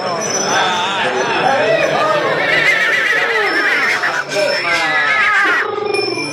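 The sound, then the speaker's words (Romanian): Horses whinny and neigh repeatedly amid a busy, merry crowd at the horse fair in Döbrück, with lively chatter and bustle filling the background throughout. “A sosit însă timpul târgului de cai din Döbrück. În târg, veselie mare.”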